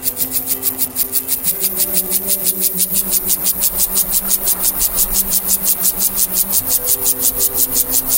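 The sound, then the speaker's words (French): A Siberian grasshopper (Gomphocerus sibiricus) stridulates on the grassy slopes of Solèze, reached by ski lifts, in a steady train of loud, raspy, hissing pulses, roughly five per second, over a low steady hum, with no voices. “Alors oui, ce n'est pas un oiseau, hein, mais un criquet. Mais pas n'importe lequel. Les orthoptéristes, les spécialistes de ces animaux, le nomment Gomphocerus sibiricus, que l'on pourrait traduire par gomphocère de Sibérie, c'est un nordique, hein”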